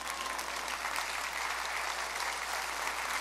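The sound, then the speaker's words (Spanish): Steady applause from a crowd, a dense, even patter of many hands clapping at once that holds its level throughout, with no voices standing out. “Nadie aplaude, pero que Dios los bendiga.”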